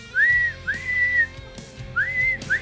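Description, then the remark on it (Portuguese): Bia's bird chirping sound effect, played on a broadcast: clear, high whistled notes that swoop upward and hold, a short one followed by a longer one, repeated in pairs over a faint low hum. “Bota o passarinho aí da Bia.”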